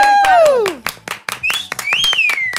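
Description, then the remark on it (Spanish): A small group claps in quick, uneven bursts, loud, while sliding whistle-like calls and excited voices ring over the applause, as guests are thanked on the Los 40 radio show brunch. “Por favor, un aplauso.”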